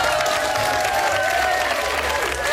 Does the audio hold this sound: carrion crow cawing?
no